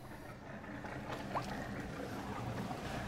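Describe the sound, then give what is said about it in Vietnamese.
A steady low rumble of a 500-tonne barge's engine churning through water as it moves along the Chợ Gạo canal in Đồng Tháp province, Vietnam, continuous, with faint wind and water wash over it and no voices. “Lái chiếc xà lan tải trọng 500 tấn di chuyển qua kênh Chợ Gạo, xã Chợ Gạo, tỉnh Đồng Tháp.”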